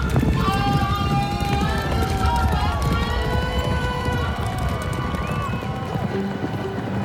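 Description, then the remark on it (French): Racehorses gallop at the races in a steady, thundering rush of hooves, loud, with a busy crowd murmur and tonal voices layered underneath throughout. “Ils peignent les chevaux en train de bondir et les jockeys qui ratent leur départ.”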